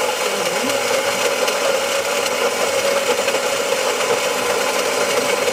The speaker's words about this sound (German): Ich muss ganz ehrlich sagen, das kann alles Mögliche sein, aber Sie wissen es natürlich, es ist... die Kaffeemühle in einer Kaffeemaschine.